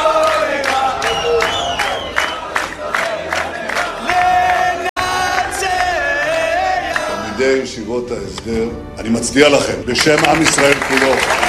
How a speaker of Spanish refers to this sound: ¿Y sabés qué le gritan? Hay que borrar, arrasar con Palestina. Borrar Palestina, una cosa así. Arrasar con Palestina. Y todos se aplauden felices.